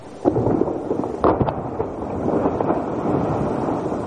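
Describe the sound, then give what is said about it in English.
A deep, rumbling roar of a glacier calving, huge chunks of ice breaking off and crashing into the ocean, with sharp cracks near the start and a sustained, loud, thundering, rain-like wash of waves that carries on throughout. “It's actually a glacier calving. Humongous chunks of ice are breaking off the glacier and cascading into the ocean.”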